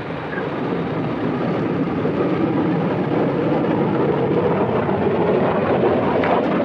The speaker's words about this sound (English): Here comes summertime at last. Bluebird was set to go. Coniston water smooth as glass. The official timekeepers alerted, Donald Campbell sent the jet hydroplane full out along the measured kilometer.